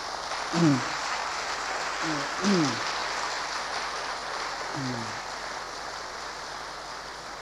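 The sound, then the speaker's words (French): An audience applauds steadily, a dense, even crackle of clapping that fills the whole stretch, with a few brief low vocal sounds rising over it. “Me revient une petite histoire pendant que vous applaudissez.”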